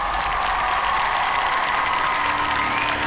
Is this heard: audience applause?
yes